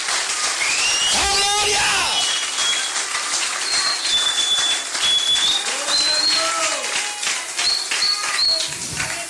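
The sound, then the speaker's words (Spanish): A crowd at a church sermon applauds God, clapping steadily throughout, a dense crackling wash of applause, with shrill whistles and rising cheers cutting through on top. “Si le va ese aplauso, véselo con ganas esta noche.”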